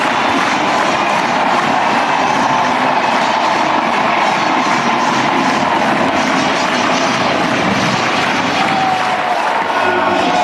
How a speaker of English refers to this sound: What a roar from the Ducks faithful here in Onset Stadium.